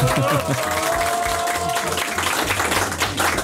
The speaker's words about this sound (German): Und damit jetzt ganz Kärnten einmal hört, wie viele ihr seid und wie knackig gut ihr drauf seid, hätte ich gesagt, einmal alle richtig laut sein mit Applaus oder was auch immer. Macht es euch einmal bemerkbar.